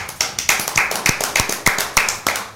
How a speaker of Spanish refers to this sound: Con un sonoro aplauso, lo escuchamos.